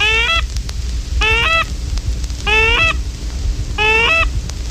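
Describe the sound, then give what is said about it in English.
A goose call blown in a highball sequence on the approach of geese: four loud, drawn-out honks with a cracking, breaking tone, evenly spaced about a second apart over a low background rumble, with no talking. “On the approach of geese, sound out the goose highball call.”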